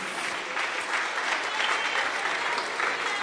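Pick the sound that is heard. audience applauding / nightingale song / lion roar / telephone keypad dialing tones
audience applauding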